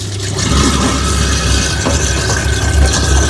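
A food waste grinder runs steadily with cold water running into it while bio-waste is pushed in with a spatula, its loud low motor rumble and churning grind holding constant for the whole stretch, with a broad watery hiss layered over it and no talking.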